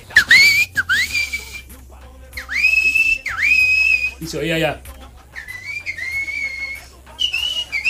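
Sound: whistling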